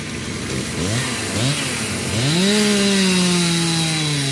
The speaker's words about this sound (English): The hum of generators is in the air, and chainsaw crews are cutting trees from the roads.